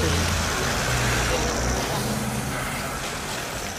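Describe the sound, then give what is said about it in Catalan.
A car carrying FIFA president Gianni Infantino drives off without stopping for the press; engine and road noise rumble steadily, easing off slightly toward the end as it pulls away, with faint indistinct voices in the background. “Així en marxava, en un cotxe, sense parar-se davant la premsa, Gianni Infantino.”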